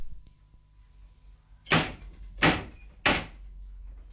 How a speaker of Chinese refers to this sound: 好，你拍门啦。 你哋准备啦。